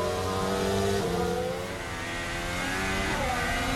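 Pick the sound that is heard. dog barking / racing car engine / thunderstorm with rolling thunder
racing car engine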